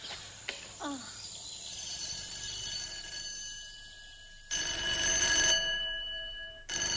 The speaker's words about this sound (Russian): Вечером в кабинете зоологического института затрещал телефон. Профессор Персиков взъерошил волосы и подошел к аппарату.